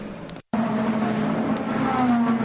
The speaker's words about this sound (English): Into the pits comes one of the two Alpines, the 36 Jules Gounon driven car